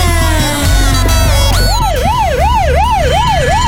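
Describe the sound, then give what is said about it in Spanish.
A loud siren from an arriving ambulance, first a steady falling tone, then a rapid rising-and-falling wail repeating about every half second, over a low rumble of engine noise. “Perdón, llegó la ambulancia, chao.”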